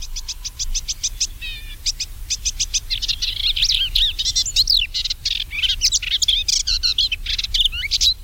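A melodious warbler sings a fast, rambling song of high chirps, rapid repeated notes and twittering trills, running almost without pause over a low, steady background rumble.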